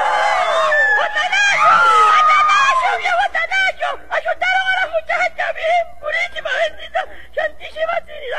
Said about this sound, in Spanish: Pero cuando van llegando a una mata conocida en el llano con el nombre de Aceite y que se encuentra en el medio de la pica, los gritos desgarradores estremecen el ambiente.